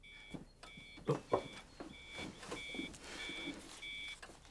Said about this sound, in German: Ja, Alarm beim Melkroboter. Wahrscheinlich wieder die Vakuumpumpe.